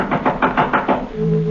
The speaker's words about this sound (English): someone knocked at the front door. It was late.